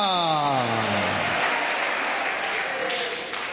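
An audience claps steadily to praise the Lord in a dense, continuous wash throughout, while a sustained voice-like tone slides down and fades out during the first second.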